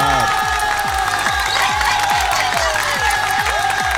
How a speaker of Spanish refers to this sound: Aplausito.